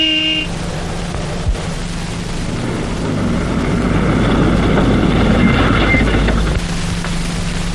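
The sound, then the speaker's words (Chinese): A short horn toot opens, then a car's engine rumbles, swelling louder as it approaches and easing off near the end; no one speaks. The car is being delivered by a soldier sent by his company commander. “报告首长，连长派我送了一辆汽车，一个军官，一个大皮包。”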